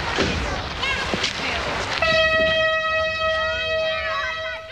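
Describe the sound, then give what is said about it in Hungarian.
A vintage nostalgia train passing by blasts its horn loud and steady for several seconds after a stretch of rumbling noise, with people's voices faintly audible around it. “Ilyen már ilyen nosztalgia vonatot fog elhúzni?”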